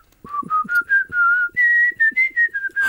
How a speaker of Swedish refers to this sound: jag kan nog vissla på några …-sånger faktiskt